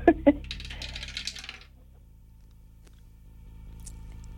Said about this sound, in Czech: držím v ruce kostku, drž mi pěsti, protože ji právě vhazuji do naší věže.